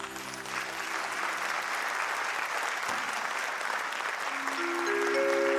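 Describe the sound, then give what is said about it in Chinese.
Steady applause from an audience fills the whole stretch, a dense, even patter of many hands clapping at a fairly strong, constant level, with a few faint sustained tones underneath. “谢谢， 感谢大家默默的掌声啊！”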